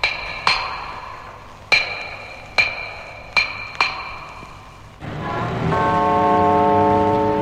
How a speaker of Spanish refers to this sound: El antiguo reloj de la torre colocado en la gran plaza de Docky Hall deja escapar lentamente 8 campanadas.